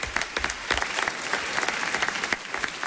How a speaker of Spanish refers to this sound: Bueno, un aplauso para David.